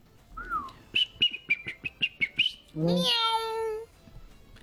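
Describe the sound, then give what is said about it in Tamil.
A person imitates a koel's call, whistling a quick run of about nine sharp, high notes before sliding into a long, loud wavering cry, with no talking. “நீங்க குயில் வச்சிருந்தீங்கன்னா நாங்க கொக்கு, குருவி, காடை எல்லாம் வச்சிருக்கோம்.”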